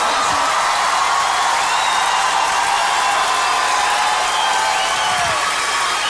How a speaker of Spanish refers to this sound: Fátima, mira esto. ¿Cómo te aplauden?